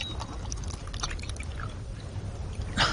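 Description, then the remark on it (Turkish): Water is poured for someone to drink in a steady, splashy trickle for a few seconds, with a brief brighter gush near the end, over a low rumbling background and no talking. “Bir yudum su içireyim sana.”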